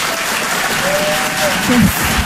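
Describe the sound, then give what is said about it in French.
Steady, dense applause from a large audience in Paris welcomes a performer presenting her show Fifi à Papa, loud, with a brief whistle or cheer rising above the clapping. “Je vous demande un tonnerre d'applaudissements là aussi”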